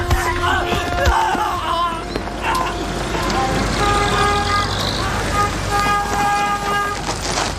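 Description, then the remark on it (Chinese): The horn of a car belonging to the insurance department of the British Taikoo company honks several times in long, steady blasts over a rumbling, crowded street din, with indistinct voices mixed into the background. “是英国太古洋行保险部的汽车，我认识这车。”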